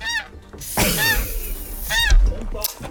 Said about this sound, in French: Il va chanter trois fois le coq, hein.